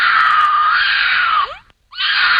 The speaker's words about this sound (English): here's the mating noises of a mountain lion. Yikes.